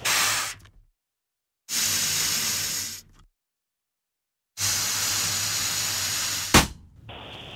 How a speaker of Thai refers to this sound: ไปเป่าจนลูกโป่งแตกไหมเคยไหม เคย แล้วตอนนั้นเป็นยังไงบ้างคะรู้สึกยังไงบ้างพอตอนลูกโป่งแตก ตกใจ ตกกระจาย ไม่มีลูกโป่งแล้ว